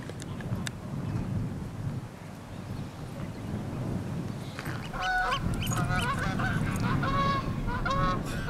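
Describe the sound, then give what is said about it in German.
A flock of geese honks repeatedly on a summer cattle pasture in the south of an island, over steady wind and low rumbling noise outdoors, the calls growing louder and denser in the second half, overlapping in a noisy chorus. “Nein, nicht er, der Austernfischer. Sie sind das Problem, die Gänse.”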